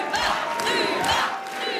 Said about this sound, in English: They chant her name all together as one. Luba, Luba.